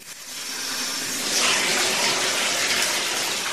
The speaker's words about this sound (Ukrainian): Прослідкуй, коли набереться повна ванна води.